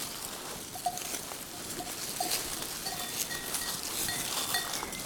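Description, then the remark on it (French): A herd of mohair goats from a goat farm moves on the slopes of the Cabanère summit (753 m), with soft shuffling, faint bleats and small bells tinkling intermittently over a steady outdoor hiss; no one speaks. “curieuse et attirée par ma présence, un élevage de chèvres mohair.”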